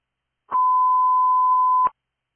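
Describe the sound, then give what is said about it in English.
A single steady, loud alert tone from a fire station test, holding one mid-high pitch for about a second and a half before cutting off sharply, with no voices. “Station 13, test tones.”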